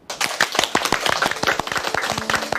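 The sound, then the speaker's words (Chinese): Applause from a crowd at a lecture class, welcoming several students about to perform a poetry recitation: dense irregular hand claps starting abruptly and continuing at steady loudness, with a faint low tone appearing near the end. “但是在上课之前，我想先请几位同学为我们带来一首精彩的诗朗诵，大家掌声欢迎。”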